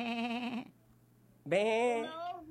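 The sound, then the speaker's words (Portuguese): A person imitates a sheep's bleat twice in quick succession, two wavering, nasal "baa" calls separated by a short pause, loud. “Isso, ovelha.”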